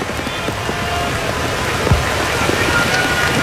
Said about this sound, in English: man, it's an absolute hard rain falling now, and I wonder how much longer we're going to play. It's a downpour.